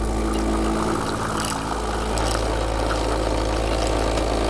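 A new coffee machine being tested at the campaign office of an alternative mayoral candidate runs with a loud, steady mechanical drone: a low motor hum with buzzing overtones under a constant hiss, continuing unbroken with no voices.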